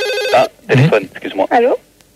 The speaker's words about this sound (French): Téléphone, excuse-moi. Allô?